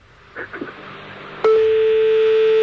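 A few quick telephone dialing tones as someone places a phone call, then a loud, steady electronic tone switches on abruptly and holds unbroken to the end, like a phone line tone.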